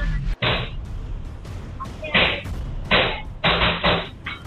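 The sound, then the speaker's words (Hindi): Gunfire captured in muffled, low-quality CCTV audio from a medical store's camera, as masked attackers who came by bike shoot a man near his office: four or five sharp bursts at irregular intervals over a constant hiss, with faint murmuring voices in the background. “एक medical store के CCTV कैमरे में रिकॉर्ड फायरिंग सुनी जा सकती है।”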